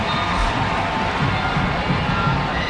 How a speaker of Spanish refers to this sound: Y bueno, pues ahí la gente aplaude, emocionada.